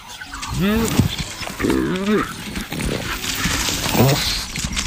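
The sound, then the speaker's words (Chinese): A cautious African wild dog gives several short, high-pitched whining calls in three separate bursts, clear over a steady rustling outdoor background. “斑猎狗是强大的猎手，而此刻它显得十分谨慎。”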